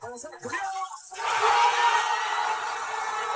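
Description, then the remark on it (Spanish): A brief shouting voice gives way to a loud, sustained roar of a crowd at Mercado González in Costa Mesa cheering Mexico's first World Cup goal, scored by Quiñones, swelling suddenly after the first second and holding steady to the end. “Y así gritamos el primer gol junto contigo y millones de mexicanos en todo el mundo.”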